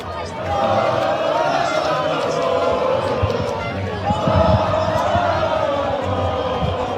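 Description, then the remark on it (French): A large crowd on the beach in Barcelona cheers and shouts in celebration of a victory after the final whistle, a dense, continuous roar of many voices that stays loud throughout and swells briefly midway. “des cris de joie et des concerts de klaxons sont signalés. Bon, on l'entend en fait, hein, c'est la même chose sur la plage barcelonaise.”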